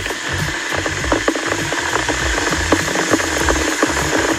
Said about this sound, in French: Alors, qu'est-ce que c'est, à votre avis? Une bouilloire. C'est une bouilloire, tout à fait, effectivement, qui peut nous être utile pour préparer le thé ou le café ce matin.